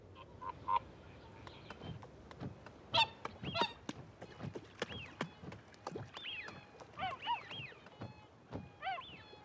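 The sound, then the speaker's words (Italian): Wild swans call repeatedly at dawn in the Burren in winter as they leave the water to search for food, a flock of honking, bugling voices overlapping in uneven bursts, with faint rustling and water sounds between the calls and no speech. “Ogni mattina, all'alba, i cigni selvatici lasciano gli specchi d'acqua per andare in cerca di cibo.”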